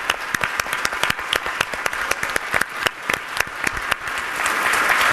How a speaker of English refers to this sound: A round of applause for everyone.